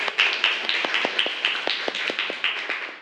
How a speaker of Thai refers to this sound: กลุ่มที่1ปรบมือให้เพื่อนหน่อยค่ะ